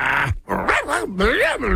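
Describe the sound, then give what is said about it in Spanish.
A dog barks and growls in several loud bursts, its voice wavering up and down in pitch between short pauses. “Todos los ruidos que haga tu perrito.”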